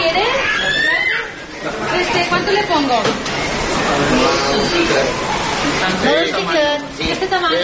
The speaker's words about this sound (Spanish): Pescadería en el mercado municipal de Pere Garau, en Palma.